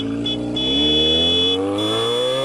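A brand-new motorcycle engine revs up steadily, its pitch climbing over a couple of seconds, loud with no voices; the motorcycle is a Band FM radio station prize.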